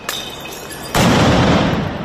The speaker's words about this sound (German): Es fliegen Rauchbomben, es knallen Böller.